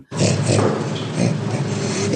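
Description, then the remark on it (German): An orangutan laughing: a steady, uniform run of breathy, grunting pants, fairly loud, continuing without a break for about two seconds with no other sounds around it. “Beim Orang-Utan funktioniert Lachen noch eher gleichförmig. Wie auf Knopfdruck. Es klingt im Grunde jedes Mal sehr ähnlich.”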